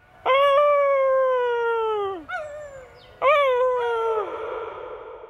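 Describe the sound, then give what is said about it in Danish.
A person imitates a wolf howl: two long, loud, sustained wails, each sliding slowly downward in pitch, separated by a short breath, the second trailing off breathily. “Men jeg må give mig hen, og alligevel lykkes det mig at få fremprovokeret et form for ulvehyl.”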